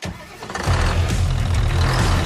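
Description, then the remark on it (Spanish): A heavy New Holland tractor engine cranks briefly, then catches and settles into a loud, steady, low rumbling idle, with no voices present. “Si buscas un tractor fuerte, eficiente y listo para cualquier terreno, elige New Holland.”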